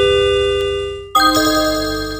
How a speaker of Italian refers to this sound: You have received a new WhatsApp message.